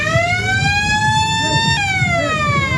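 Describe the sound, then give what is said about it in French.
A loud alarm siren signaling the end of a fishing contest wails steadily for the whole stretch, its tone gliding slowly upward before dipping and sweeping again, with low rumbling background noise beneath. “L'alarme sonne, la fin du concours.”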